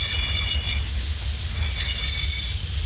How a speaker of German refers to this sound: Ohne jede Verspätung fuhr der Zug um 16.31 Uhr in Münchens Hauptbahnhof ein.